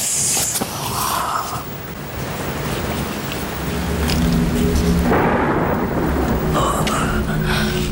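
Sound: rain falling outside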